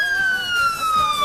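A loud, steady siren sound effect introducing a show segment holds one high, piercing tone that slowly slides slightly lower over about a second, with bright overtones ringing above it and no voices.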